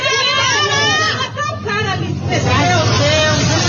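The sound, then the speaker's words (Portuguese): Loud, overlapping voices shout and clamor inside a bus during a fight involving the bus driver and a passenger, with a steady engine rumble underneath; the agitated babble continues throughout without pause. “Vai brigar com o motorista de ônibus, ou com o passageiro. E a briga foi registrada.”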